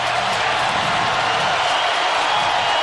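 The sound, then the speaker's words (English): A loud, sustained, deafening roar from a large football crowd at Paycor Stadium on third down during a Cincinnati–Jacksonville game, a dense wash of noise holding steady throughout with no pauses, enveloping. “3rd down and 9, and the crowd gets into it here at Paycor Stadium. The noise level is deafening.”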